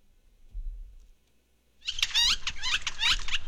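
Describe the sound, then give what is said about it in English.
A woodpecker call plays from a bird song book: after a soft low thud, a loud burst of rapid, high, chattering notes runs steadily for over a second with no voices. “And I've got a bunch of woodpeckers, and so I'm going to see when the one I want shows up.”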